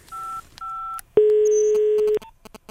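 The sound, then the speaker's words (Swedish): Two short dual-pitch keypad beeps followed by a longer steady telephone tone lasting about a second, then faint clicks, as a phone call to a six-year-old in Gothenburg is dialed and connects. Clear, with no voices. “Du, jag ringer ju dig för att jag behöver ju hjälp.”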